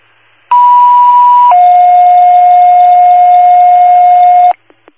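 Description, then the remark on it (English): Two loud, steady electronic emergency dispatch alert tones for Vernon, calling out an MVA unknown on Verona Street, play back to back over a hiss of static: a higher pitch for about a second, then a lower one held for three seconds, ending with faint clicks. “Virtual Vernon, Second Tones, MVA unknown.”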